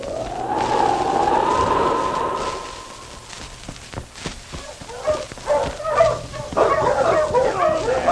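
A sled team of five or six huskies yip, bark and howl excitedly, starting with a long drawn-out howl and then breaking into overlapping short yelps and barks as a group.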